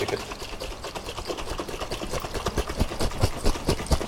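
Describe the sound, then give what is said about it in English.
Liquid sloshes rapidly inside a bottle of slightly fizzy fermenting drink as it is shaken, a fast rhythmic rattle of fizzing, splashing bursts that grows a little louder toward the end, with no voices. “So you shake it now, so you can hear.”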